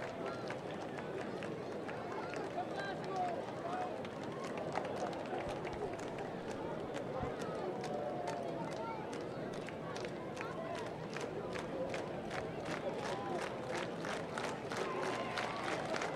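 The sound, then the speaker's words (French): A dense stadium crowd at a baseball game murmurs and chatters steadily, with rhythmic clapping that grows more regular toward the end as the crowd gets livelier at a two-ball, one-strike count. “2 et 1 avec la foule qui s'anime.”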